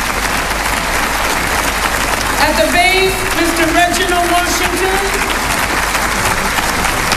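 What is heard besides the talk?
audience applause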